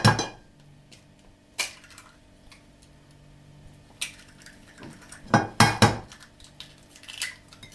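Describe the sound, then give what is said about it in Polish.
Two eggs are cracked into a bowl: a few sharp taps against the rim, with a quick cluster of knocks near the end and a faint clink of the bowl, no talking. “się pod ciepłą wodą i już mogę wbijać obydwa.”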